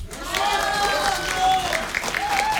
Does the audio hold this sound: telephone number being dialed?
no